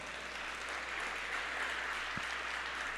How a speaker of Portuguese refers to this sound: Dá um glória a Deus maravilhoso. E uma salva de palmas para Jesus.